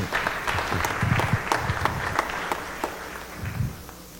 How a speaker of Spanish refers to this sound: Un aplauso para el apoyo.